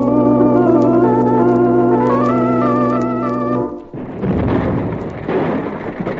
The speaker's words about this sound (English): Well, that bonehead you hired to take care of the donkey engine overloaded the boiler. She let go and blew the pump house to smithereens.